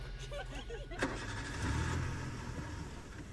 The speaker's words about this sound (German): Ja, da wurde noch ein Auto angelassen, das nehmen wir mal weg.